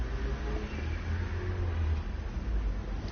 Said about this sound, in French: Une Volvo qui tourne dans le boulevard Saint-Germain, une camionnette de dépannage d'Arty.